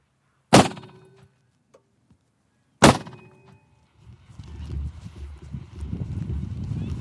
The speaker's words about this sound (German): Mit einem Gasschussapparat will er die Vögel vertreiben.